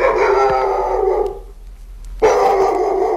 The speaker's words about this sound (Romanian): De ce face câinele ham-ham? Ca să se deosebească de pisică, pe care nu o poate suferi.